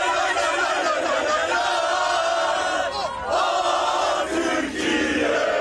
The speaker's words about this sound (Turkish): A milli takım Avustralya ile karşılaşacağı Vancouver'da coşkuyla karşılandı. Türk futbol severler kafile otele ulaştığında meşaleleri yaktı, tezahüratlar yaptı.